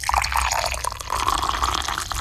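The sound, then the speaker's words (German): Hot water is poured steadily into a cup, a continuous splashing and gurgling stream with a faint rising fill tone, lasting the whole moment with no voices. “Nummer 2 ist das heiße Wasser.”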